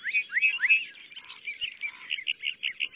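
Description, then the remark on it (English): A lark bunting sings with no talking: slurred whistles give way to a rapid, high, sustained trill, then a run of buzzy repeated notes, all bright and clear. “Male lark buntings perform elaborate flight displays to attract mates and fend off rivals.”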